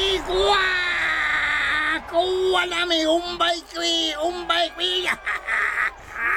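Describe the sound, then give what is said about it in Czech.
A boy playing a lasso-throwing hunter imitates a Native American war whoop in a high-pitched voice: a long sustained yell followed by rapid wavering, warbling calls, loud, repeated in bursts over several seconds. “… vstupuje agresivitu lovce a dodává si větší kuráže indiánským válečnickým pokřikem.”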